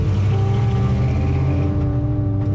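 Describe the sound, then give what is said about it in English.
A car engine rumbles loudly, its steady low drone shifting in pitch as it revs and begins pulling away, with no voices over it. “That's Jody revving his engine, and he drives off.”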